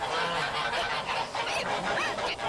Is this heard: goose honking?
yes